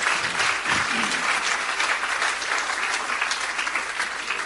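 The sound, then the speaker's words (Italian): Steady, dense audience applause for the journalists fills the whole stretch, a continuous wash of many hands clapping at an even, fairly loud level with no voices standing out. “un applauso ai giornalai.”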